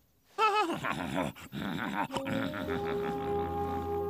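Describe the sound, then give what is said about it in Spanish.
A horse, not a racehorse, whinnies loudly, a long wavering, quivering call that breaks into rougher, lower snorts and grunts, with a faint steady tone underneath toward the end. “No eres un caballo de carreras, pero eres un héroe.”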